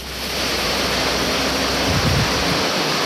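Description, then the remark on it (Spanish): A torrential, tropical-storm-like downpour from a frontal system in Diego Almagro, in the mountain zone of the Atacama region, roars steadily and loudly, a dense unbroken hiss of heavy rain, with no voices and no pauses throughout. “Es un video y un audio. Lluvia intensísima. Lluvia de tormenta tropical en Diego Almagro.”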